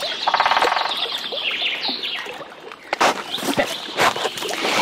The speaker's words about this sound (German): ich habe gerade einen Specht gehört. Ja. Du auch?